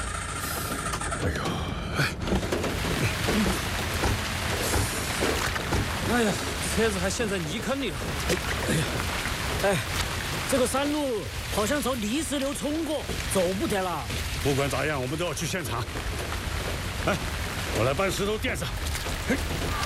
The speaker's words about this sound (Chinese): 下雨了，开慢点啊！